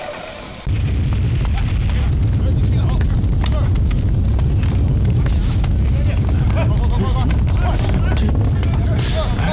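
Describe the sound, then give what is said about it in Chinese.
A hidden mechanism activates with a sudden, loud, deep rumble that kicks in after a brief moment and holds steady, heavy and grinding, with scattered crackles and booms throughout. “这声音肯定是启动机关发出的巨响。”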